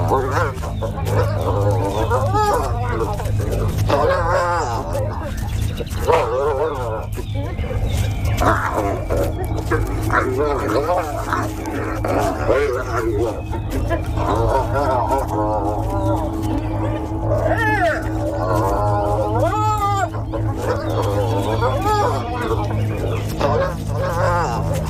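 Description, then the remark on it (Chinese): Spotted hyenas fighting, a clan's female leader and her daughter attacking each other: a flurry of rising and falling whoops, yelps and squeals that come in repeated bursts over a steady low rumble, fairly loud throughout. “斑鬣狗首领将女儿驱逐出巢穴，这是一个极其具有象征意味的举动。”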